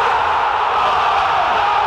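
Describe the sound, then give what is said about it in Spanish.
A football stadium crowd roars in a loud, sustained goal celebration, a dense wall of massed voices holding steady for the full two seconds with no pause or break. “Es un grito de gol que nunca.”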